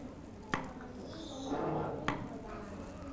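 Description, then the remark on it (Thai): An ordinary kitchen knife, not a plastic one, slices a banana into rounds that are neither too thin nor too thick, giving two crisp taps against a cutting board about a second and a half apart, with a soft hum of background noise underneath. “ขอใช้มีดธรรมดาหั่นกล้วยให้เป็นแว่นๆชิ้นไม่ต้องบางมากหรือหนามาก”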